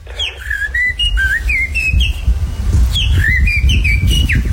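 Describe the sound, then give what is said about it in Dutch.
A person whistles an imitation of a blackbird's song in a contest-winning performance, two bursts of fluting, warbling phrases with quick sliding notes, clear over a steady low rumble of background noise. “Je hebt gewonnen met een merelgeluid.”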